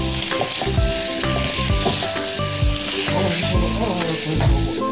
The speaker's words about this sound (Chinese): 再加入葱花，大火快速的翻炒。